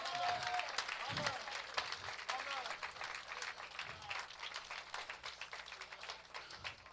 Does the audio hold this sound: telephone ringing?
no